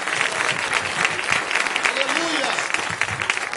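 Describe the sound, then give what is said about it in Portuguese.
A church audience claps steadily and loudly for several seconds in applause for Jesus, a dense continuous wash of applause, with a few voices calling out faintly beneath it. “Palmas e palmas para Jesus.”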